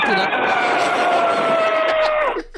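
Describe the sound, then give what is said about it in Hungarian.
A person presses their lips together and forces air through them in an imitation of an elephant's trumpet: one loud, sustained brassy blast lasting about two seconds, its pitch sagging slightly before it cuts off. “Fia, az elefántod zseni.”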